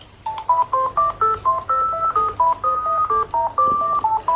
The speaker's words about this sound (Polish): Taki mieliśmy dzwonki w tym telefonie. On się włącza. W ten sposób. Tak klika.